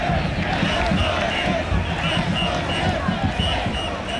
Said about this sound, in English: Down at the very tip of Manhattan Island, the parade is forming and the crowd is already massive and fired up.